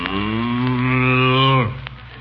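A single long, loud cow moo, a low droning bellow held steady for over a second and a half before it cuts off abruptly, followed by a brief quiet tail.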